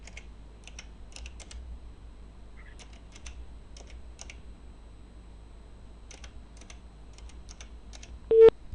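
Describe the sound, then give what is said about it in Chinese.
A phone number being dialed by an Inner Mongolia Radio and Television reporter calling a village party secretary: a run of soft, irregular keypad clicks over a quiet hum, ending in a brief, louder electronic tone as the call goes through. “电话拨出，我们共同耐心等待。”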